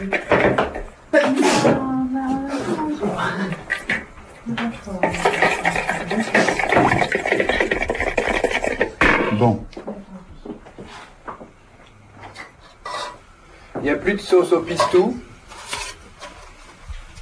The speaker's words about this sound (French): Et ça, c'est pour qui? C'est pour les lapins? D'accord. C'est beau ce son. Hein. C'est moi quand je fais la salade, je suis plus musicien.